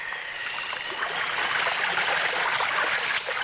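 Steady rushing and churning water as a wooden box plunges into the sea, a loud, continuous wash of splashing that fills the whole moment without a break or any voices.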